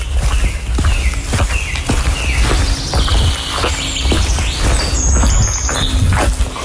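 Steady footsteps tread over soft, wet ground at a walking pace as someone walks through a wet forest after rain, while several birds chirp and sing in the background.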